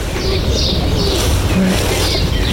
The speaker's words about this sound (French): Et on a le moineau aussi à côté qui fait son petit chant très simple.